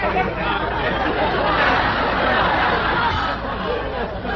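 A dense, steady murmur of many overlapping voices from a cosmopolitan crowd at a party, with no single speaker standing out, only a lively babble of chatter holding at an even level throughout.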